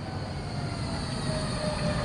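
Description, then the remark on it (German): A tram rolls steadily along its rails, a continuous low rumble with a faint metallic hiss and a thin wheel squeal rising briefly near the end. No one speaks. “Schon an dem Rollen der ersten Trambahn hatte ich gehört, ob sie im Regen fröstelte oder ins Blaue aufbrach.”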